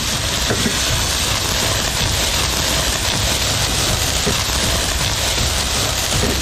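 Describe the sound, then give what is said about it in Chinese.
Steady, dense sizzling and crackling of pork intestines stir-frying in hot oil with dried chilies and Sichuan peppercorns to render out excess fat, a loud continuous hiss with scattered pops and faint scraping, no voices. “炒肥肠， 对，炒肥肠，把这个多余的一点点油脂太腻的那些给它煸一煸啊。”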